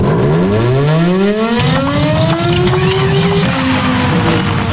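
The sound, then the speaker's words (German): A mechanical siren winds up, its tone climbing steadily for a few seconds before abruptly faltering and dying away, loud over a constant noisy background. “Mensch, kaum läuft die Sirene mal, gibt sie direkte Geist auf.”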